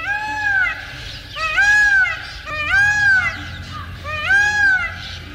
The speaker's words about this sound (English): Where protected, however, they become as tame as domestic birds. You can admire the fabulous plumage of the males at close range, or see and hear a blue peacock on video at our website, birdnote.org.